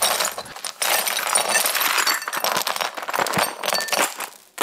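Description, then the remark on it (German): Broken glass shards clinking and scraping as they are swept up with a dustpan, a dense jangle of bright tinkles and gritty brushing strokes that continues steadily without speech. “Aber irgendwie mag ich das Geräusch auch. Wie die Scherben so klimpern.”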